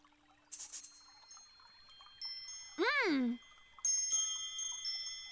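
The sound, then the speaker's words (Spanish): Small bells jingle in a bright shimmering burst, then ring on with sustained high chiming tones, interrupted midway by a short rising-and-falling sliding call before another wave of tinkling. “¡Son las campanillas ruidosas!”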